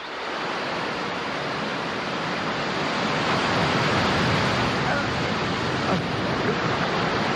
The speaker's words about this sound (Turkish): Aşağı baktığımda sivri sivri kayalar ve onları döve döve köpüren haşmetli dalgaları görüyordum. Bir 10 metre vardı herhalde.